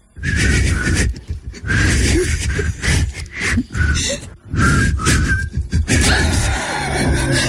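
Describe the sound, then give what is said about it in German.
Two people try to whistle the melody of a 90s song together, producing mostly breathy, airy hissing with only faint wavering tones breaking through, in several short bursts separated by quick breaths. “der kann sich entweder so anhören, zum Beispiel wenn … und … pfeifen”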